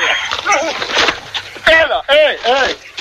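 Several dogs bark and whimper in quick, overlapping bursts, with high yips and whining cries rising and falling over a few seconds, mixed with a busy background.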